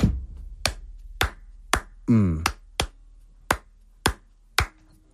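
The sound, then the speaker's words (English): Sharp, dry hand claps, about eight, in a syncopated Cuban clave pattern of uneven groupings with gaps between, and a brief voice cutting in partway through. “Their hand claps go one.”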